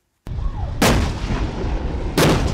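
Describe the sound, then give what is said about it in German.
M60 tank cannons fire two heavy, booming shots about a second and a half apart at dawn on Pengshu, an island group in the Taiwan Strait, during a Taiwanese military exercise. Each blast is loud, followed by a long rumbling roar with no voices. “Im Morgengrauen feuern M60-Panzer auf Pengshu.”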